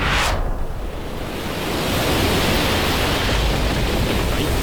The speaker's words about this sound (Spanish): Que está lloviendo un montón y este barco no se está quieto. Nos vamos a hundir.